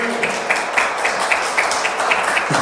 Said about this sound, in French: Bien joué. C'est ça, bien joué. On peut applaudir, bravo, bravo, bravo.